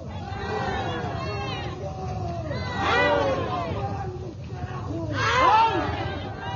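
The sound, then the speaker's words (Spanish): An angry crowd of social organizations from Eduardo Barroa province shouts at a protest while arriving to hold an open council (cabildo abierto) on a Monday, demanding the government's resignation; many voices yell over one another in a constant babble, with louder swells of strained, high-pitched cries around the middle and near the end. “Bueno, ahí estamos viendo los gritos, bastante molestio, las organizaciones sociales.”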